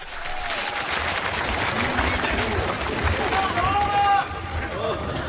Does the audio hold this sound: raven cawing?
no